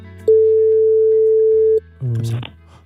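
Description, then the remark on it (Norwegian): A single steady ringback tone on an outgoing phone call to a listener picked from text messages, one long even beep lasting about a second and a half, followed by a brief burst of a voice answering. “Systemet har valgt en sms her, og vi ringer nu. Håber, de tager den.”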